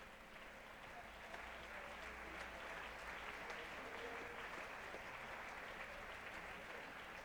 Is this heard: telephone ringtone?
no